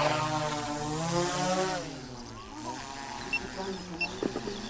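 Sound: drone propellers buzzing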